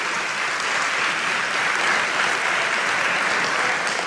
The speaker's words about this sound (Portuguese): Vamos aplaudir essa palavra maravilhosa. Mais forte, mais forte, mais forte, mais forte.